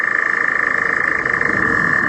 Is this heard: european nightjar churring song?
yes